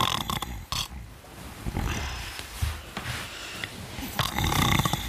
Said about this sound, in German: Wer ist das Schnarchmonster?